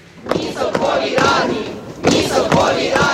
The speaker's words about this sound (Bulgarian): С викове не на армията в съветски стил, жителите на Киев отново са на улицата.